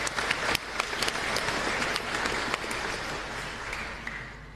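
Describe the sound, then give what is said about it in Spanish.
An audience at a Mass applauds for the parents of children being baptized, in a reverberant church, many hands clapping in a dense, steady wash that stays fairly loud for a few seconds before tapering slightly. “Así que también aplauso para ellos.”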